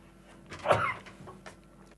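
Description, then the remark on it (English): A single loud sneeze bursts out, a sharp explosive blast lasting under half a second, followed by quiet background with faint rustling. “And I had a great big sneeze just come in then.”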